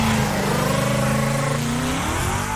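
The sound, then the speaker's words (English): A Mustang car engine revs loudly and steadily, its throaty harmonic drone swelling and dipping in pitch for a few seconds with no voices. “Sounded like a Mustang.”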